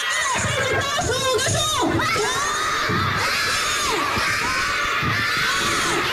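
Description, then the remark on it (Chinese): A crowd of kindergarten children shouts and cheers continuously at a lively outdoor fun sports event for Children's Day (June 1) at Shanzhou District Experimental Kindergarten in Sanmenxia, China, voices overlapping loudly with bursts of excited yelling throughout. “今年六一以趣味运动来欢庆节日，不光只是玩乐，更是借着运动希望孩子们在玩耍中锻炼意志，练就健康的体魄。”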